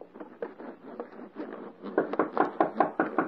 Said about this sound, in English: Hark. Someone knocks.